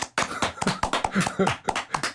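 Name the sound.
hand clapping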